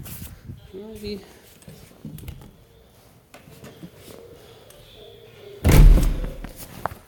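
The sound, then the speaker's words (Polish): A person walks in through a door, which swings shut with a single loud, heavy slam near the end, after quieter shuffling and a faint voice in the background. “Żeby nie było, wejdę sobie jeszcze w drzwi.”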